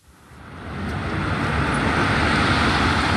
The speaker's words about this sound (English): Standing beside the main road in Shenzhen, you almost forget you're in a city of some